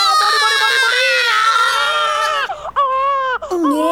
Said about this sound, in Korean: 응애 태어났다. 응애 예. 아들일 줄 알았어.